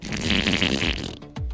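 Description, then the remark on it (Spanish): A voice imitates a long, wet, sputtering fart lasting over a second, loud, ending with a short low burst, standing for a vampire's gas forced out by the effort of a sneeze. “Pero el esfuerzo del estornudo se le salió otro gas.”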